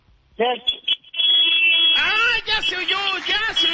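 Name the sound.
car horn honking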